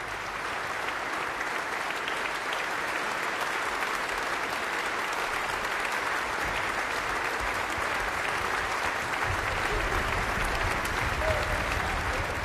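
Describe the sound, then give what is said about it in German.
Sustained applause from a concert audience inside the Dreieinigkeitskirche in Regensburg, during the Tage Alter Musik festival, a dense, steady wash of clapping that continues without pause, with a roomy, reverberant quality. “Ja, und wie am Anfang des Konzerts, das mit dem Weber-Zeitgenossen Mendelssohn Bartholdy begann, dürfen die Beteiligten den Applaus des Publikums entgegennehmen, den Jubel sozusagen, hier im Kirchenraum der Dreieinigkeitskirche in Regensburg.”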